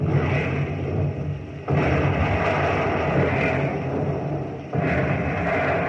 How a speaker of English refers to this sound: Pilot house and bridge gone with the first salvo. The 1.1s are raking the deck.